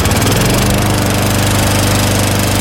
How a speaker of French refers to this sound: elle a décidé de sortir sa tondeuse pour la laisser tourner pendant presque une heure collée à la clôture. Sans tondre, hein, évidemment, juste pour entendre ceci.